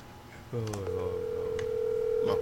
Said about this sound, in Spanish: No contesta. Se le quedó en la cocina el teléfono. Se le quedó sin carga, lo más seguro.